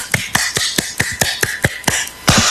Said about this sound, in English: I like to do a couple of claps when I'm stopping my brain from going too fast in the morning. So this morning, just clap with me.